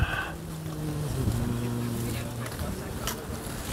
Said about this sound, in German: Also jetzt genau hier haben wir jetzt gerade schön sehr böigen Wind.